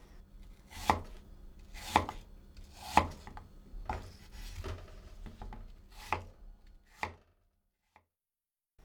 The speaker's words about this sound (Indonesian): Buang bagian bijinya, tetapi jangan kupas kulitnya. Potong lagi potongan apel tadi hingga berukuran tebal sekitar 1 cm.